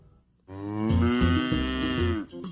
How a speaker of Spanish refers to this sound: Y ahora, ¿ese es el sonido del monstruo del queso? ¡No! ¡Es el de una vaca!